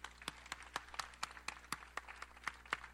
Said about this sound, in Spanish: Gracias a ustedes mismos, así que den un aplauso a ustedes mismos.